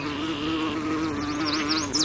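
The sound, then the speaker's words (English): A bumblebee buzzes in a steady, low, droning hum throughout, while high, quick bird chirps start up around halfway through and repeat over the buzz. “Many flowers roll out the red carpet for desired visitors like hummingbirds and bumblebees, with bright colors and petals that act as landing pads.”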